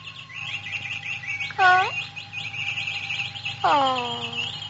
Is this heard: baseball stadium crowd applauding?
no